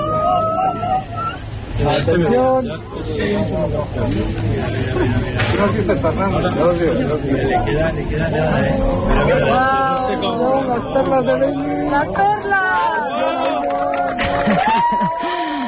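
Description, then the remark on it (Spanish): A lively crowd at the Yeves Observatory chatters and exclaims all at once as the total solar eclipse ends, many overlapping voices, with a steady hiss of clapping running underneath throughout. “Así hemos despedido la totalidad en el Observatorio de Yeves entre aplausos, lágrimas y abrazos.”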